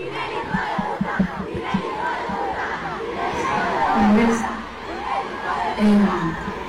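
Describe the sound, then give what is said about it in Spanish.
A large stadium crowd shouts together in a dense, continuous roar of many voices, with rhythmic chanting pulses early on and swelling yells toward the end. “Bueno, ahí le gritan todo el estadio, o sea, bien hermoso.”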